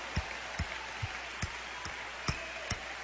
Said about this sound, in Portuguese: Se Deus é por nós, quem será contra nós? Vamos aplaudir o Senhor com força.